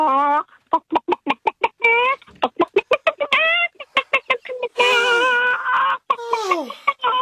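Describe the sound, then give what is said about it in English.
A person does a frantic vocal imitation of a stressed-out chicken: rapid, loud, choppy clucks in bursts, building into drawn-out squawks, with no other sounds. “I can do a chicken and stress.”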